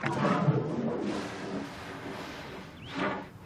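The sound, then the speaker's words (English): A herd of elephants calling, with a rough, blaring trumpet at the start and another fainter, rising call near the end, echoing across open space with no voices present. “You hear that, boy? Your herd's not far from here.”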